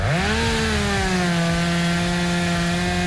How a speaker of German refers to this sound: So, aufräumen mit der Kettensäge.